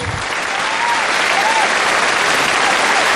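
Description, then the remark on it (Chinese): Steady, dense applause from an audience fills the whole stretch, a loud continuous wash of clapping with no pauses and no clear voices on top. “鼓掌了，我是鲤鱼啊。”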